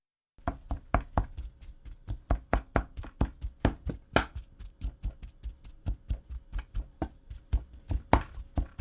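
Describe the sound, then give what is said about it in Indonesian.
Cooked sweet potato pieces being mashed in a pot while still hot: a steady run of dull thumps, roughly three per second, continuing evenly without any voices. “Setelah itu, masukkan lagi potongan ubi ke dalam panci dan haluskan ubi selagi masih panas.”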